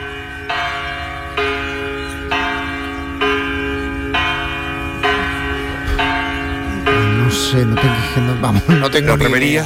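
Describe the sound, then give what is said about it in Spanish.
A church bell in Venice tolls in a steady, even rhythm at the opening of the 61st Venice Art Biennale, each resonant strike ringing into the next, with a busier wash of background sound and faint voices building toward the end. “No tienes por qué saberlo, pero a ver si te suena esta campana, de dónde podría ser, de qué iglesia, que suene.”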